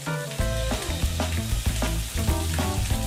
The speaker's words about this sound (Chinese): 拍好粉底的鱼肉， 需入油锅炸制，